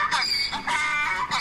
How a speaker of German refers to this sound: zückt sein Handy und spielt uns ein Eselgeräusch vor.